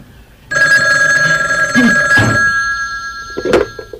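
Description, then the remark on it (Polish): A telephone bell in a newly moved-into home in Smith's Loam starts ringing after a brief pause, a neighbour calling to welcome the new resident. It keeps up a loud, steady, shrill trill, ending with a clatter like a handset being picked up. No one speaks. “Dzwonię właśnie po to, żeby panią przywitać w Smith's Loam.”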